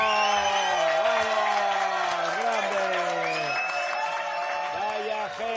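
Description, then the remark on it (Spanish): A loud, sustained burst of crowd applause and cheering, with excited voices shouting over the clapping for several seconds before it eases slightly at the end. “¡Un aplauso!”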